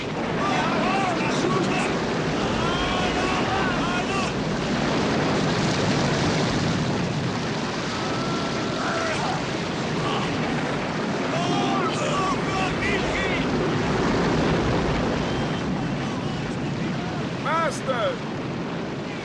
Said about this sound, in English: The men struggled to keep the boat from sinking in the storm, but their efforts appear to be in vain, and the boat is taking on more and more water.